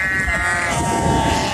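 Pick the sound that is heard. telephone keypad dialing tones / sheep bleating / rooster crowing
sheep bleating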